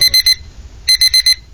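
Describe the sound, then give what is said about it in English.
A timer alarm goes off at the end of a nap, loud high-pitched electronic beeps in quick bursts of three, a short pause, then four more, with no one speaking. “I'm setting another timer for 30 minutes.”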